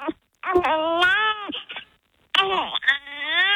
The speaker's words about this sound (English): There's something about that little newborn sound. It's so cute.